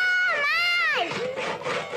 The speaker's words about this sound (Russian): Базилио и Алиса подбегают с пилой к сосне. Пилят.